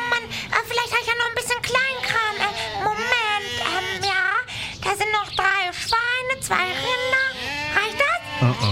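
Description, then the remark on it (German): A flock of 30 sheep bleats continuously, many wavering, overlapping calls rising and falling, with no pauses over the whole stretch. “Aber ich habe nur 30 Schafe dabei.”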